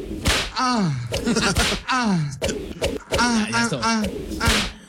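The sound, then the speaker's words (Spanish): A voice imitates a whip crack over and over, with sharp, snappy bursts between swooping vocal sounds. The imitations are fairly loud, repeating roughly every second. “Latigazo. Ahí les va, ahí les va.”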